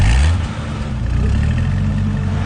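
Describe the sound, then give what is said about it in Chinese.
A car engine is started on a side street in Hongkou, catching with a loud, rough burst and then settling into a steady rumble that rises slightly as it revs, with no voices present. “随后他迅速查看了一下周围，上来发动了汽车。”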